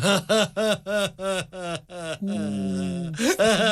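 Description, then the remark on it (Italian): A voice sobs desperately in rapid, rhythmic bursts, breaks into one long sustained wail, then returns to choppy sobbing, loud with no other talking. “A giudicare dal suo pianto disperato.”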